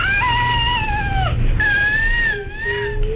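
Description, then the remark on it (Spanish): A high-pitched, thin cry of a baby with cri-du-chat syndrome, a genetic condition caused by the loss of part of chromosome 5, sounding like a mewing cat, with sustained wails and strong harmonic overtones, fairly loud, with no talking over it. “Vamos a fijarnos en el llanto de este bebé y en que el sonido es especialmente agudo.”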